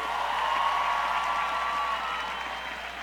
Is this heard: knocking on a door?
no